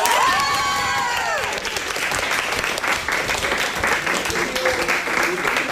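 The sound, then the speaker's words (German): School class 9a of St. Christophorus Gymnasium in Werne erupts in cheering and steady, dense applause after winning a challenge and the last final ticket, with excited shrieks rising at the start before settling into continuous loud clapping and shouting. “Sehr schön. Jubel zu Recht.”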